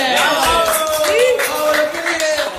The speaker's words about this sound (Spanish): ¡Aplausos!